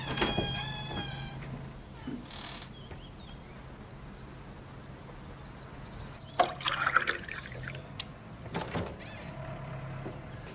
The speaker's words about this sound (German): Wo steckt er denn? Er ist gerade beim Melken.